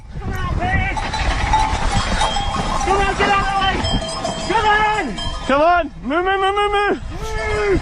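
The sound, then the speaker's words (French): A herd of about a hundred cows with bells clanking and clinking on a slope at Bruson in Valais as two mountain bikers race downhill through them, over a steady rumbling background, with loud drawn-out calls rising and falling near the end. “Jusqu'ici, tout va bien, mais sur leur route, une centaine de vaches.”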